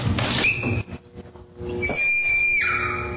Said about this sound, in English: No, this is the door entryway into the bathroom. And this one actually sounds like a horror movie scream. Like a woman screaming. Yes. Listen to this. I've never heard this happen before.